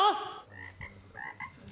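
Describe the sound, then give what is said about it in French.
Frogs croak in a short series of throaty, pulsing calls, a sharp burst up front followed by a few rhythmic croaks, clear with no talking. “Chez les grenouilles, les mâles pèsent environ 4 à 5,5 kg, alors que les femelles mesurent environ 5 à 6 kg.”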